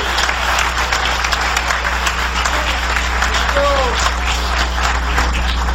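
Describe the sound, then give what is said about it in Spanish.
A large crowd applauds steadily and loudly for the Lord Jesus Christ, a dense wash of clapping that holds for several seconds, with a brief whistle or cheer rising partway through. “Dale un aplauso de poder al Señor Jesucristo.”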